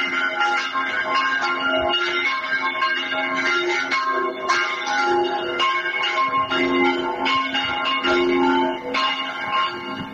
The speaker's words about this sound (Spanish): Pues es el sonido de las campanas, hasta tres a la vez, de la iglesia de la zona de Soto de la Marina. Un sonido con el que los vecinos han llegado a recoger firmas porque conviven, dicen, con este sonido desde hace 12 años aproximadamente,